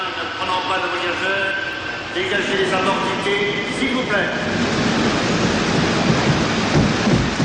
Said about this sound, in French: je vous fais écouter la bande-son de ce film mythique, cette cascade sur le métro, Peur sur la ville. Vous entendez le métro ?